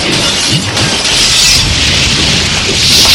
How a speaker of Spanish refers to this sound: … se protege de la explosión detrás de un auto.